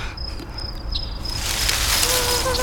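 A thin, whining mosquito buzz swells in at sunset over a steady high insect drone and hiss, growing louder toward the end, with no talking.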